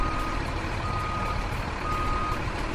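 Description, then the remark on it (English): A garbage truck collecting trash idles with a heavy, steady engine rumble while a high warning tone sounds throughout, fairly loud. No voices are heard. “We've got Bashiru here with a garbage truck”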